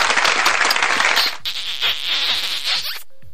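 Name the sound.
applause sound effect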